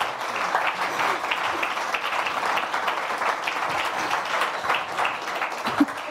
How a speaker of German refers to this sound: Und noch mal einen Applaus, bis du auf der Bühne bist.